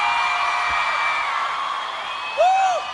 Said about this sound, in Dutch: Een hoop gegil, een hoop applaus